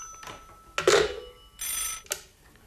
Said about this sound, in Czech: Já musím končit, děvče, zvoní nám tu druhý telefon.